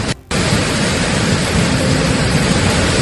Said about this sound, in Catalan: Han hagut de plegar fa una estona per la forta pluja que cau a Barcelona i anem en directe de seguida